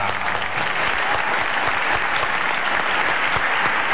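Loud, sustained applause from an audience, a dense steady wash of many hands clapping at once with no pauses and no voices standing out.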